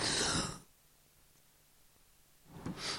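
A woman clears her throat twice, short and rough, one at the start and one near the end, separated by a stretch of near silence. Fairly loud, with no talking.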